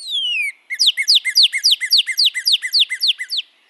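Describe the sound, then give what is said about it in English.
A northern cardinal sings a long downslurred whistle, then a quick, even series of about a dozen clear, repeated whistled notes, each sliding down in pitch. It's loud and alone. “For example, male and female northern cardinals produce a song with clear whistles.”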